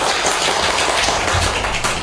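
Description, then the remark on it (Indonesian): A crowd applauds after a syair recitation, many hands clapping in a dense, steady wash of sound that stays loud and even for about two seconds, with no voices over it. “Tepuk tangan yang meriah dong teman-teman.”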